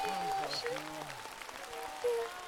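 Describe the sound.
An audience claps steadily throughout, a dense patter of many hands, applauding two singers after their song performance, with voices and sustained tones sounding over the applause.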